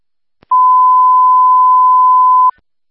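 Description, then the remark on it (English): A panic alarm tone over a radio: one loud, steady, high-pitched beep held for about two seconds, with a faint click just before it and no voices. “Come on, panic alarm.”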